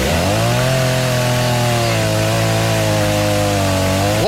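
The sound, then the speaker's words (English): A loud chainsaw engine starts up and roars, holding a steady buzzing drone for several seconds, with its pitch shifting as it revs at the start and climbing again at the end. “I was just starting up my saw to put on my wrist for the mood you've set for a Friday.”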